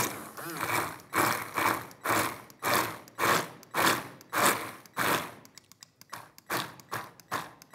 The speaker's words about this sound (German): Und dann gehe ich, keine Angst wegen der Kerne, mit dem Mixer einmal kurz an den Kollegen und dann...